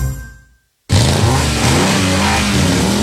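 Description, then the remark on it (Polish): After a short fade and a moment of silence, a car engine suddenly roars to life, revving loudly and holding a strong, rumbling growl to the end. “Silniki już ryczą ze szczęścia.”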